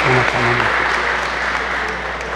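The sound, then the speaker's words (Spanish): Wedding guests break into steady, sustained applause for the newlyweds after the couple's kiss at a wedding ceremony, a dense wash of clapping, with a brief voice heard over it at the start before the clapping slowly eases. “Un aplauso grande para estos nuevos esposos, signo de su amor y de su bendición.”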